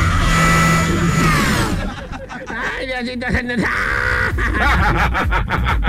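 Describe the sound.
A blender motor whines loudly and steadily for the first couple of seconds, its pitch shifting slightly, before people start talking over the lingering background noise.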